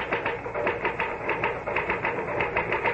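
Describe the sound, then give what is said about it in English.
A typewriter clatters away in a rapid, steady stream of sharp key strikes, fairly loud, with no voices over it. “Well, the truth is that the typewriter, or rather, Mr. Gahn, does all the brain work.”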